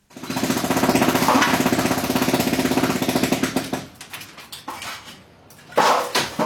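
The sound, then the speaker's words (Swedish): A loud jackhammer pounds away in rapid continuous bursts, then breaks into shorter choppy strikes, pausing briefly before hammering resumes with clattering debris, as an owner demolishes his own Palestinian house in East Jerusalem with a jackhammer and hammer drill. “Det är ägaren själv, Mujahed Badran, som med borrhammare och slagborr förstör sitt eget hus.”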